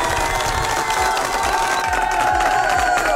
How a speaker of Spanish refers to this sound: ¡Fuerte los aplausos para ese cumpleañero, por favor!